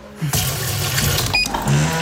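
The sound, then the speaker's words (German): Water runs steadily from a tap into a coffee machine's empty water tank to refill it, a continuous splashing rush lasting about two seconds, with a brief faint clink partway through. “Wassertank leer.”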